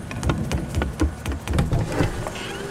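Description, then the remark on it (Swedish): A flying vacuum cleaner rumbles like thunder under a blue sky with no rain, a steady droning whir broken by rattling, pulsing bursts, fairly loud throughout with no voices. “Det är inte åska. Det är en flygande dammsugare som mullrar.”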